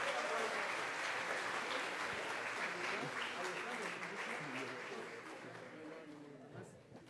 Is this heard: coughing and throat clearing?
no